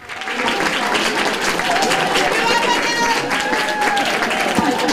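Fans gathered at Helsinki-Vantaa Airport cheer and clap steadily around 11 on a Sunday evening, greeting Finland's Eurovision Song Contest entrant: a dense, loud wash of applause with high excited shouts and whoops rising above it.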